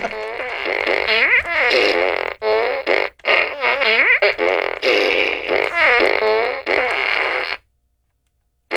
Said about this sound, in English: A traveler's plan was derailed. By a bunch of farts.